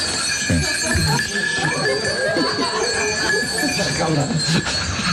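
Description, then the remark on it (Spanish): A fairly loud wavering goat bleat, apparently a human voice imitating it, quavering continuously for about five seconds with no other talk. “Perdone, su señoría, adujo el defensor, pero es que la cabra no sabe hablar inglés.”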